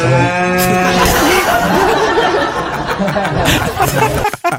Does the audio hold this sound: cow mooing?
yes